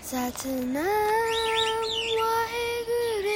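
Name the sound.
birds chirping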